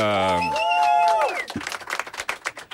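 A brief musical sting of sustained, sliding tones gives way to a burst of audience applause: dense, crackling clapping from many hands that continues steadily to the end.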